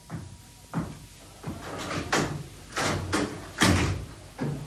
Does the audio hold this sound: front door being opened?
yes